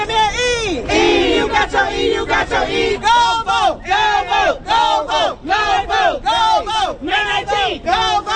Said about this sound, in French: Une foule se rassemble au centre-ville de Selma.